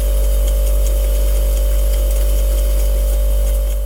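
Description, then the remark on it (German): A refrigerator runs steadily, recorded by a mobile phone placed inside it: a deep, constant compressor drone with a thin mid-pitched whine on top and a faint rattling texture, unchanging throughout, with no voices. “Also ein Bekannter hat sein Handy einfach in den Kühlschrank reingelegt.”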